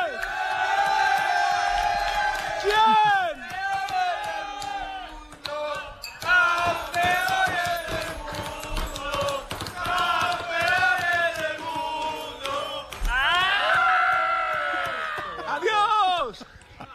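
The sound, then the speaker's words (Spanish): A rowdy crowd at the CF Moto Aspar team party in Indonesia, at 8 pm local time, celebrating Máximo Quiles' title, cheers, whoops and shouts over one another without a break, voices rising and falling in loud bursts, with a brief spoken question heard among the din. “me voy a meter en medio de la fiesta del equipo CF Moto Aspar”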